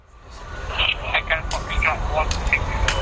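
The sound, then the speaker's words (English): A small police drone buzzes as it lifts off from an industrial estate in Coventry, England, to watch over football crowds; its steady whirring hum rises over a low outdoor rumble, with wavering higher tones drifting in and out. “On an industrial estate, a couple of miles from the CBS Arena, the police are launching a small drone into the air to keep an eye on things from above.”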